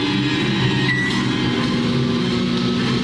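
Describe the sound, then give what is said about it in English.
A microwave oven switches on and hums steadily, a constant low electrical drone with a faint buzzing edge that holds at the same loudness throughout, with no voices. “Magnetron just stirred himself on, no hesitation”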